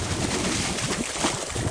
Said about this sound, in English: For now, the water continues to bubble, surging forward from somewhere unseen and deep in the earth.